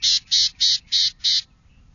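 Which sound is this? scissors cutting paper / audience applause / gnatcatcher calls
gnatcatcher calls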